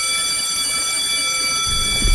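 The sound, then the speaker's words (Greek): The first school bell of the school year rings in the morning, continuously, a loud, steady metallic buzzing tone that holds unbroken for about two seconds, with a low rumble swelling near the end and no voices. “Το πρώτο κουδούνι, το ακούσατε, της σχολικής χρονιάς χτύπησε σήμερα το πρωί”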